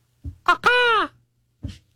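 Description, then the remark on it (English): A voice imitates a macaw call: two short, rough bursts lead into one loud, harsh, drawn-out squawk that bends downward in pitch, followed after a pause by a brief low grunt. “What bird was that? Oh, that was the macaw.”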